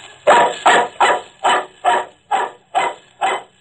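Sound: dog barking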